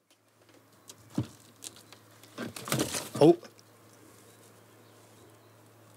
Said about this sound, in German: Sind alle drei Vögel sind noch drin, aber wie man vielleicht eben schon gehört hat, sind die ausflugbereit. Hier nisten Dohlen statt Schleiereulen.